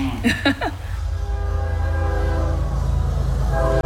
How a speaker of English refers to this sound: The 1119 train runs through town till about 1122. The train, locals love to say, is the reason this town is called Central. It's halfway between Charlotte and Atlanta on the old train lines.